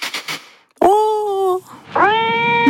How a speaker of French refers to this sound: Ce petit chat, bah ouais, seulement voilà, il ne supporte pas les autres matous. Et c'est la bagarre assurée.